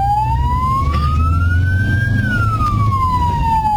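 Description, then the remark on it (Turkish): A loud ambulance siren wails steadily, its pitch sweeping slowly up and then back down, over a low rumble of traffic and engine noise as vehicles pull aside to open a corridor for the ambulance. “Var sistemini kullanarak ambulansa saniyeler içinde koridor açtı.”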